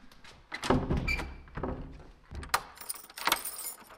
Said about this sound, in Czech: předsedkyně volební komise v Bořetíně na Pelřimovsku, uzamknula dveře volební místnosti.